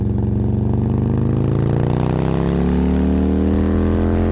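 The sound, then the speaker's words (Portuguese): A motorcycle engine runs loud, its throaty rumble climbing steadily in pitch as it revs up over a few seconds, with no voices. “Agora, se você não gosta de ir a pé, dá para ir de moto também, viu?”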